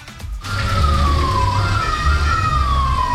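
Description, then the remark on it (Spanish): Sirens of municipal security vehicles of Valparaíso during a chase, reportedly in Parque Italia: a siren wails steadily, its pitch sliding slowly down and back up, loud over a low engine and traffic rumble, after a brief quieter start. “Se escuchaban ahí las sirenas.”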